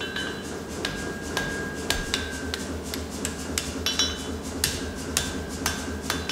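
A blacksmith hammers folded iron back together in a steady series of sharp metallic strikes, each with a bright ringing tone, over a low, constant background hum; the folding is a technique of knife making.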